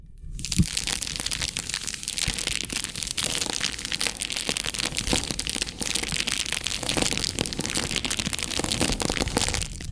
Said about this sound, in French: Le crépitement de la flamme.